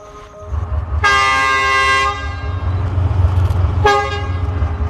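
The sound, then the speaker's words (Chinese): At Zhicun station on the Yunnan–Vietnam railway in Yunnan, China, the front and rear locomotives of a train sound their horns in turn to signal readiness before departure: a loud, sustained blast lasting about a second, then a shorter answering toot moments later, both over a steady low diesel engine rumble. “前面的火车头叫一声，后面的火车头叫一声，意思就是 我准备好了，你准备好了吗？”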